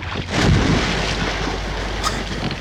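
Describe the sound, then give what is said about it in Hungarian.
Loud, continuous rushing and churning of water as a surge pours into a small boat, filling it and sinking it during a whale attack, with a heavier splash near the start and a sharp slap toward the end. “Teli lett a csónak vízzel! Merjétek gyorsan, mert elsüllyedünk!”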